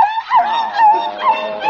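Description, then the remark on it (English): A small Pekingese dog, Princess Lotus Blossom, whimpers during a bath in a thin, high, continuous whine that wavers in pitch and swells twice, with no talking over it. “Did Dog get that nasty old soap in your eyes?”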